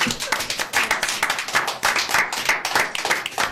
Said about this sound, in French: Bravo. On peut les applaudir.